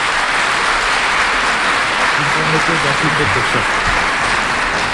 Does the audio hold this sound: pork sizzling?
no